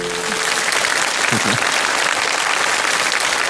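Sustained applause from an audience, a dense steady wash of clapping at even loudness throughout, with a brief low voice-like murmur partway through.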